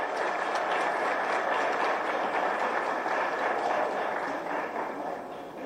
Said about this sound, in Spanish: Invitamos al ministro de Educación y Ciencias, Luis Fernando Ramírez, a dirigir algunas palabras. Fuerte el aplauso para el ministro.